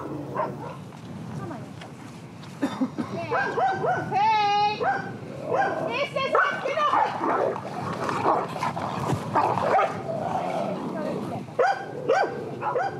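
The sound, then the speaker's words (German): Two female dogs, a young dog and a slightly older one, squabble over rank out on a pasture: a tangle of snarls, sharp yelps and high whining cries that rise and fall continuously, with a few abrupt barks breaking through. “Zwei Diven, die sich hier nicht einig werden können. Ein Junghund, ein etwas älterer Hund.”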